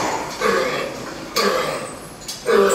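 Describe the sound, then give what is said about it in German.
A pig gives three deep-seated, non-productive coughs spaced about a second apart, each a short rasping burst with a wheezy, hoarse edge over faint background noise. “Tiefsitzenden, nicht produktiven Husten. Der keucht richtig.”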